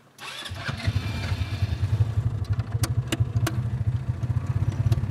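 A motorcycle engine starts up after a brief moment of quiet, then settles into a loud, steady, throbbing idle with a low pulsing rumble and a few sharp mechanical ticks.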